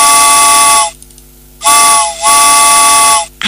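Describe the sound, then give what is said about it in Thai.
A loud steam train whistle sounds in three long blasts, each a bright, harmonically rich tone with breathy hiss, separated by short gaps of quiet low rumble. “ชั่วโมงนี้รถไฟออกก่อนนะ”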